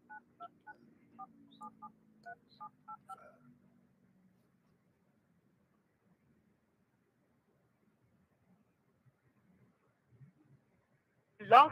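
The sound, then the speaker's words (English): A quick run of about a dozen electronic telephone keypad beeps plays in an even rhythm as a phone number is dialed to call in directly, followed by near silence and a brief burst of sound at the very end. “Let me see if I can try to call directly in 929.”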